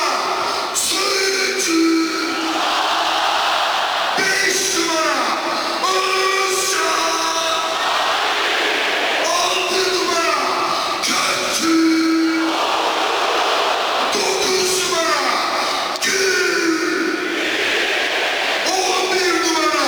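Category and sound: crowd, stadium crowd applauding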